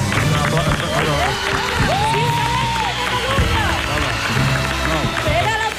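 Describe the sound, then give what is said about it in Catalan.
A crowd applauds steadily and loudly throughout, cheering a presenter for saying names from memory without looking at a paper. The dense clapping is mixed with excited voices and cheers rising above it. “Estan aplaudint perquè he dit el nom sense mirar cap paper i m'ha sortit bé.”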